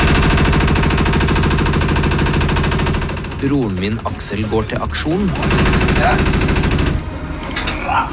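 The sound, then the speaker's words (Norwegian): A washing machine in Brundalen goes haywire, moving freely across a bathroom floor and banging out of control with rapid, loud, rattling thumps that hammer on steadily. A voice briefly talks over a short lull before the pounding returns at the end. “Der vaskemaskina går amok og beveger seg fritt over baderomsgulvet.”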